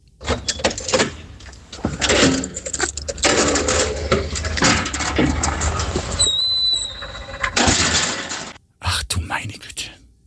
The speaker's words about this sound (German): das war das Geräusch der Tiefgaragentüre beim Aufsperren und wie sie wieder zufällt